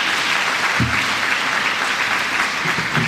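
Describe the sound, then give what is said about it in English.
Steady, dense applause from a luncheon audience for a Boys and Girls Club dance team performance fills the whole stretch, loud and continuous, with a few brief low thumps or whoops poking through the clapping. “Everybody, give a round of applause for”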